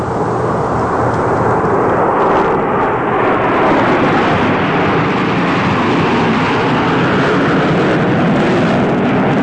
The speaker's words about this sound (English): The unmistakable sound of the Canadian Forces Snowbirds.